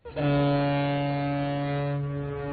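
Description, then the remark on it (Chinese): A cargo ship loaded with newly harvested wheat sounds its horn as it departs on the Yangtze River, one long, steady, deep tone, loud and sustained, its harmonics ringing for a couple of seconds with no voices around it. “长江滔滔奔流不息，一艘艘满载新麦的货轮鸣笛起航，沿着长江干流和支流驶向天南海北。”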